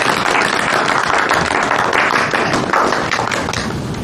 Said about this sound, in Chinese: 哎，我们大伙儿给他们二位鼓鼓掌好吧？